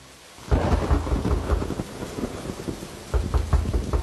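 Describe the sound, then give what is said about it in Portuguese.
Heavy rain pours steadily while deep thunder rumbles in, strongest in a loud roll near the start and swelling again toward the end; no voices are heard. “Com essa chuva eu vou ter que abrir a porta.”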